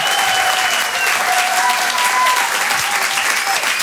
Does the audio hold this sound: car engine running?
no